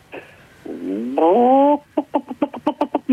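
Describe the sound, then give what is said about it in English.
A man's voice gives a chicken impression, opening with a rising, drawn-out squawk like a crow, then breaking into a quick run of about nine rhythmic clucks, loud and alone. “give me your best chicken impression.”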